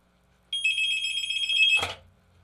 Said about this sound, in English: Nope, we'll take this phone call as it comes in. I was about to wrap us up, but we'll more than happy to take a phone call. All right, he's got it on hold.